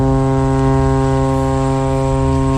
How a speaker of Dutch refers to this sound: Een hele gewone toeter.